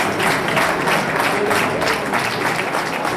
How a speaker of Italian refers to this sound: C'erano infatti famiglie, amici, parenti, diversi bambini, anche piccoli, in attesa di mamma o papà, e poi colleghi dell'esercito, la protezione civile, e sono stati accolti con un caloroso applauso.